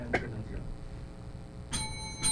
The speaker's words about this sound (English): Let's hear the countdown clock. Thank you. That's the halfway. That's the second minute.